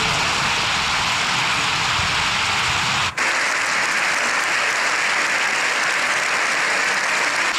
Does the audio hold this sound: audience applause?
yes